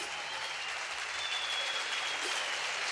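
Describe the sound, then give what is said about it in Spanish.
Steady, dense applause from an audience welcoming a singer onto a show, a continuous wash of many hands clapping at once, fairly loud and even throughout with no voices standing out. “Un aplauso, por favor,”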